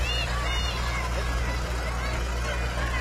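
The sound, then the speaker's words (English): A two-cylinder John Deere tractor engine chugs steadily throughout, a deep continuous low rumble at moderate loudness, with faint background babble and outdoor noise mixed in. “On the two cylinders. Love that. Buttering along.”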